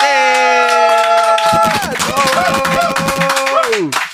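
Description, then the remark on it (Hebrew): Scattered clapping builds into steady applause for a musician who played old and new music together, beneath loud sustained musical tones that bend and slide downward, with the crowd's clapping continuing until the final note drops away. “אז הוא ניגן ישן וחדש והכל ביחד, ותנו לו מחיאות כפיים,”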